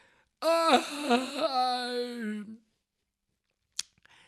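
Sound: storyteller imitating a yawn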